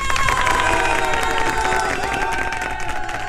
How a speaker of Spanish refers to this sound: te aplaudimos por todo lo alto